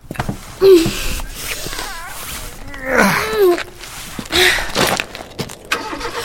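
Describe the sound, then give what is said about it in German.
A car engine turns over and revs up, its pitch swooping up and down in uneven bursts, with a few sharp breathy noises in between. “Das ist der Wagen”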